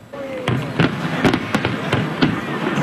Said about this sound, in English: A spectacular fireworks show on the water was the peak of a promotional stunt that included a powerful light display turning the CN Tower into a pillar of ice. Thousands of fans gathered downtown to await the release.